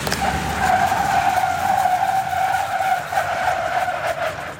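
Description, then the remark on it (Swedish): Car tires screech in a long, steady, high-pitched squeal as high school students test braking on slippery surfaces at different speeds on a skid pan in Falun, Sweden, holding loud over a rushing, hissing background of road and engine noise, with no talking. “På halkbanan här testar 180 gymnasieelever på att bromsa i halt väglag i olika hastigheter och däcken skriker.”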